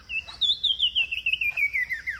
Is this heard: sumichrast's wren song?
yes